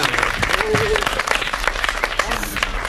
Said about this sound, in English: Come on, give yourself some applause.